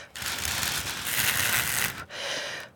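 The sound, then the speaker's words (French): Breath blown across thin paper strips makes a fluttering, rattling whoosh like wind, one long steady gust followed by a brief pause and a second, slightly softer gust. “découvrir les languettes qui sont toutes fines pour faire le bruit du vent.”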